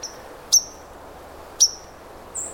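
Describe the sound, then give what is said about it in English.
A white-throated sparrow gives sharp, high 'pink' alarm notes, two crisp chips about a second apart, then a thinner, higher note at the end, with no talking. “Kind of an alarm note they give. And these are the white-throated sparrows that you hear in the woods singing those beautiful old Sam Peabody whistle song that you can actually imitate.”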